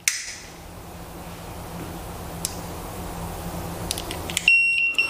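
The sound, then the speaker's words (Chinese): A home gas-leak alarm sounds near the end, in a demonstration where boiling water has put out the gas flame: a steady high-pitched tone with repeated beeps, preceded by a low hum, a hiss and a few brief clicks. “这时候呢，我们的燃气会报警，同时呢，我们的油烟机会打开，包括我们的燃气阀会关闭，以及我们的门窗会打开，进行通风换气，确保家里的安全。”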